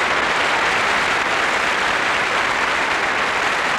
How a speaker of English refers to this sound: And with that terrific applause for Miss Tape Recorder of 1965 from Paris, bonsoir.